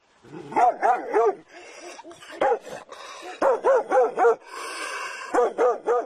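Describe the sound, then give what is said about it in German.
A biting dog barks repeatedly in loud, quick bursts of yips and yelps, with a brief whining, hissing stretch between volleys before the barking resumes. “Da war er auch schon, der bissige Hund, und als ich mich dem Haus gegenüber zuwandte, merkte ich nicht, dass er durch eine offene Gartenpforte schlüpfte.”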